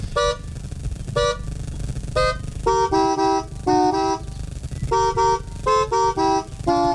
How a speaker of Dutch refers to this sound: Die op zijn manier de camping heeft wakker getoeterd.